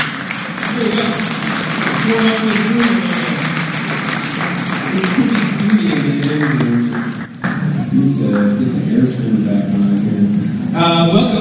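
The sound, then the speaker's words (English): An audience at the Spring Banner Festival student concert applauds itself loudly and steadily for about eleven seconds, a dense crackle of many hands clapping with voices murmuring and calling out underneath, briefly dipping before carrying on. “Would you give yourselves a round of applause for being here?”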